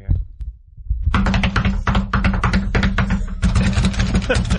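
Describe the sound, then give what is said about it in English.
After a brief quiet start, someone cramming slaps their knuckles rapidly onto their desk like a drum beat, a dense, steady run of loud knocks and thumps with a low hum underneath. “That's somebody cramming and slapping their knuckles onto their desk.”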